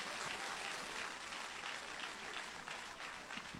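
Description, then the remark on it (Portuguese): Sustained applause from a crowd at a religious gathering, welcoming a singer to praise and given for Jesus; a dense wash of many hands clapping steadily throughout, fairly loud, with no speech over it. “Mas como que nós vamos receber a ela? Com frio ou com palmas? Com tristeza ou com alegria? Com palmas para Jesus.”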